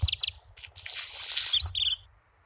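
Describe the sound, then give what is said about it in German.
A black redstart sings: a few quick whistled notes, then a dry, scratchy crackling stretch, ending in a brief whistle, over a low background rumble. “Das ist ein Hausrotschwanz, den ihr da hört.”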